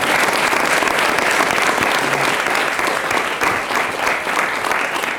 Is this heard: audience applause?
yes